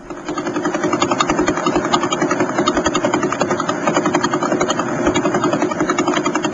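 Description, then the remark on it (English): Pulsar radio signals converted to sound; pulsars are the spinning corpses of dead stars. A steady, rapid, rhythmic thrumming with fast regular pulses over a broad buzzing hiss, loud and unchanging throughout, with no voices. “I always get a kick out of hearing pulsars. But what we're hearing there are radio waves converted into sound. Here's another one.”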